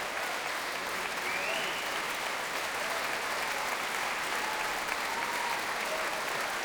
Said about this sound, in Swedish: Applåderna vill inte ta slut där ute.